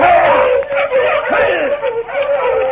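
A pack of sled dogs barks, yelps and howls excitedly all at once, a loud, continuous overlapping chorus with no pauses.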